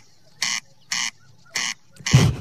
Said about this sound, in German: Jetzt in der Brutzeit schreit nämlich der Wachtelkönig nach Weibli. Und das klingt alles andere als bescheiden. Das penetrante Geräusch verratet auch, dass der Vogelschutz in der Schweiz funktioniert hat